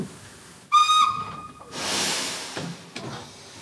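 A steam train whistle blows one loud, shrill, steady blast for about a second, followed by a broad hiss of escaping steam and a few faint clanks, with no voices, from a train to the university city of Munich on 9 May 1942.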